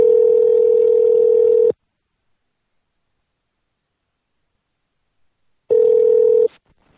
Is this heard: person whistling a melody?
no